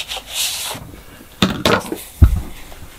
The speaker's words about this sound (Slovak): No je tam evidentný papier, nie? Je to zvuk papiera? Je to papier, je že? Je to papier.